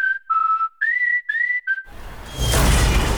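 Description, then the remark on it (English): A piercing whistle rings out in several short, wavering bursts as a rogue space capsule falls, then gives way to a loud, roaring crash of noise that sustains to the end as it smashes a roof and shatters a carport. “Smashed roof. Shattered carport. Nothing like a rogue space capsule to bring you back down to Earth, Ajax.”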